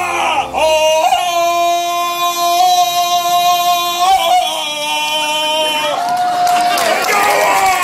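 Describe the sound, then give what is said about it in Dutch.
A contestant dressed in costume lets out a long, loud Tarzan yell, a sustained warbling cry held for several seconds with a few pitch breaks, rising again near the end amid some background crowd noise. “Al moet ik toegeven dat de volgende man er eerder uitzag als Fred Flintstone. Maar zijn schreeuwen kan wel tellen.”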